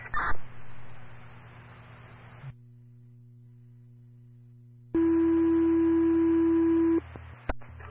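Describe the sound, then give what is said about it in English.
A brief crackle of radio noise gives way to a low hum, then a loud, steady electronic tone holds for about two seconds before cutting off abruptly: fire department dispatch paging tones, issued as additional tones requesting personnel to assist an evacuation in New Fairfield. No one speaks. “Yes, go ahead and issue additional tones.”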